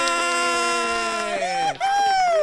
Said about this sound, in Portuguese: Gritei horrores, né?